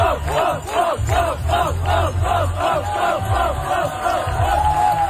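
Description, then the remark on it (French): A large crowd near the Université de Montréal cheers on the world's top cyclists. Voices rise and fall in a fast rhythmic chant of about ten repeated shouts over a steady, loud roar that never lets up. “L'engouement de la foule aussi faisait du bien à voir sur les réseaux sociaux, autant ceux qui encourageaient évidemment les meilleurs cyclistes au monde.”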